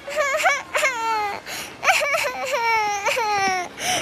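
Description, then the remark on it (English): A toddler girl cries outside the oldest building on the Princeton University campus on graduation day, in loud wailing bursts, each sob rising then sliding down in pitch, with short gasping breaks between them and no talking. “On graduation day, as he left the oldest building on campus, he noticed a toddler crying.”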